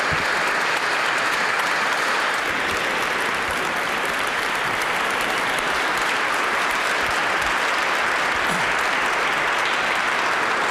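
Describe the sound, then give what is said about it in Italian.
Sustained audience applause for a vocal ensemble, a dense, steady wash of many hands clapping at once, loud and continuous for about ten seconds with no voices standing out. “siamo in posizione, allora un grande applauso all'insieme vocale …,”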